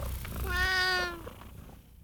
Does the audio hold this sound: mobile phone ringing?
no